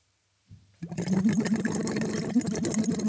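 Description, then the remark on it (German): After a brief quiet start, steady bubbling erupts as air is blown through a tube, held lightly on the tongue, into water, a dense, rapid gurgling that continues without pause and with no talking. “Und blubbern da rein.”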